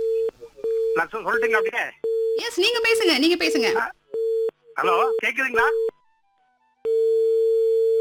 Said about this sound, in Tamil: Beep beep sound கேக்குதுங்க.